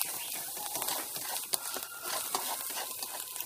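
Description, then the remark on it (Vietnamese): Clams being stir-fried in a pan and stirred evenly until they firm up: a steady bright sizzle with scattered clicks and scraping taps as the shells are tossed and stirred, moderately loud, with no talking. “Xong đó là mình sẽ đào cho đều tay và cho nó hến nó sắn lại.”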